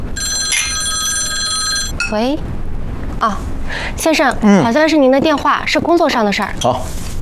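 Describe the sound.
A telephone bell rings in a steady high-pitched burst for about a second and a half with a work call, then people start talking over a constant background hum.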